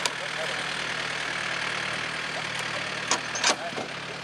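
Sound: tractor engine running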